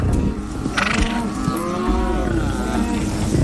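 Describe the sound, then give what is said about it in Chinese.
On a ranch, a cow gives one long, low, drawn-out moo that wavers and slides downward, over a steady background hiss with a brief rustling burst just before it. No one speaks. “那就是牧场。”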